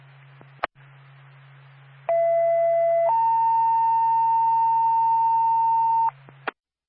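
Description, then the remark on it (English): Two-tone dispatch page over a radio for the Twin City Haverhill Fire Department: a steady one-second tone, then a longer, higher tone holding about three seconds, framed by squelch clicks and a low electrical hum. “Twin City Haverhill Fire Department. Stand by for tow.”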